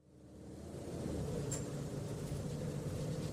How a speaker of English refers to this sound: You settle into your seat. The thudding of bus wheels on pavement is soothing by now.